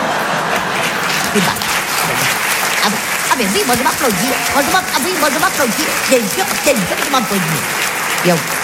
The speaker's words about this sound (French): Ah, moi je m'applaudis. Bien sûr, je m'applaudis.